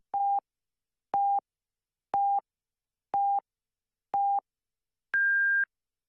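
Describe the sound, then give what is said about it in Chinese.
A radio time signal on Yan'an People's Broadcasting Station's general broadcast marking 9 o'clock Beijing time: five short, evenly spaced beeps one second apart, then a longer, higher-pitched final tone marking the hour. Clean and electronic, with no voices. “北京时间9点整，延安人民广播电台综合广播。提醒您准确对时。”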